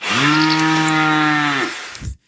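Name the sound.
cow mooing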